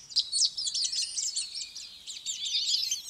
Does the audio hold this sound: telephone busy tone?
no